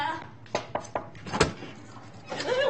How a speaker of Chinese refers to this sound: 这，我得批评你啊！怎么一听叫快递就能开门呢？现在什么世道，多危险啊！